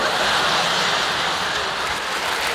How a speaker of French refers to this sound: Top, record battu, je vais pour sortir, je tire la chasse d'eau, et là, la cacatastrophe.